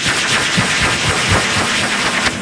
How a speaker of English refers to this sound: All right, have you ever heard the sound of a cow being blow-dried? Here it is.